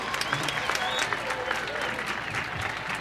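Sustained audience applause for a guest in the audience at a performance, a dense steady patter of many hands clapping at once, loud and continuous throughout with a few brief cheers.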